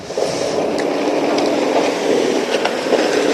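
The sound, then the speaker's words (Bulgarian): A train rolls steadily past a railway crossing that is out of service and under repair after a collision, a broad continuous rumble with faint rhythmic clicks of wheels over rail joints, loud and unbroken throughout with no talking. “В момента преминава влак, а този ЖП Прелес не работи след сблъсъка и в момента се ремонтира.”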